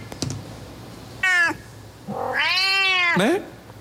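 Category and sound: animal, cat meowing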